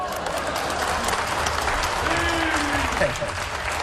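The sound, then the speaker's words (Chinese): An audience applauds steadily after a performer sings a line joking that He Yunwei has short legs and calls for applause. A dense and fairly loud wash of clapping fills the whole clip, with a voice briefly rising over it near the end. “这个何云伟是个小短腿， 鼓掌。”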